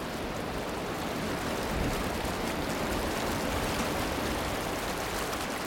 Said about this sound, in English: White water here sings.